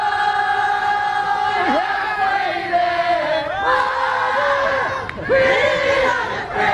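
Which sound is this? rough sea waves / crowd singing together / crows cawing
crowd singing together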